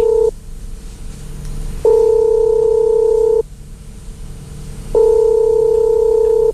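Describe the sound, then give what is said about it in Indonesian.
A telephone line tone sounds in steady, clear bursts of about a second and a half, repeating with pauses between, as a call is placed and rings through. No one speaks. “Saya akan coba teleponnya.”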